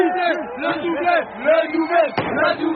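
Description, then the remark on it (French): A crowd of football supporters chants together in rue Raymond Lautrand in Paris's 14th arrondissement during a penalty shootout, many voices rising and falling in a steady, loud sing-song, with a single sharp bang cutting through near the end. “Entendez le chant des supporters de cette petite rue Raymond Lautrand dans le 14e arrondissement.”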